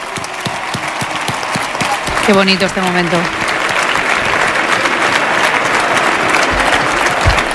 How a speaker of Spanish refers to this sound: Y queríamos acordarnos de ella. Así que un fuerte aplauso para María, que está viéndonos desde arriba.